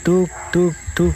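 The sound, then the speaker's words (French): Three short, evenly spaced hoots sounding like an owl call, made by a human voice imitating the bird, fairly loud with brief pauses between each hoot. “Quand vous entendez um hibou faire”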